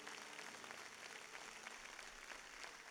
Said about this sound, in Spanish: Dele un aplauso al Señor en esta hora.